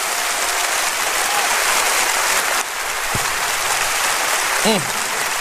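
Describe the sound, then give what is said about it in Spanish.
Sustained applause from a crowd giving praise to God, a dense, steady wash of clapping with a brief shout rising near the end. “¡Oh, dele un aplauso fuerte, que Él se lo merece!”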